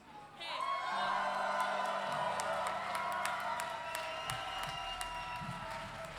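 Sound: audience cheering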